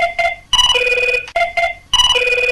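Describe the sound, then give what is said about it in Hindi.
A telephone rings for an incoming caller on the radio programme Lokmanjari, with a bright electronic tone in repeating bursts, each cycle stepping between two pitches, loud, with short gaps between rings and no talking. “इसके बारे में हम और बात करेंगे, पर उससे पहले लोकमंजरी के अंतर्गत बज रही है हमारी फोन की घंटी।”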